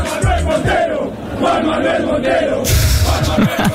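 A large crowd of Argentina football fans in a stadium chants a man's name in unison to find the owner of a lost wallet, a loud, sustained wall of voices with rhythmic rises and swells.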